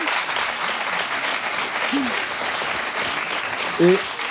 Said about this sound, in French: Oui, oui, applaudissements.